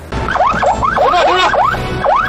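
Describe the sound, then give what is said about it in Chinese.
A police car siren wails in fast, repeated up-and-down yelps, loud, running steadily for a couple of seconds over a low rumble of traffic noise, as a patrolling police car in Haidian signals a motorcyclist with a loud, modified exhaust to stop. “警车呢也是赶紧示意他停车”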